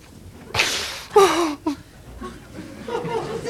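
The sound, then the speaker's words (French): Three sharp slaps across the face land in quick succession, loud, each followed by short whimpering or gasping vocal sounds, with quieter murmuring afterward; a father slapping his child for refusing to eat soup. “Tout le temps me foutre des gifles quand je veux pas manger des machins que j'aime pas.”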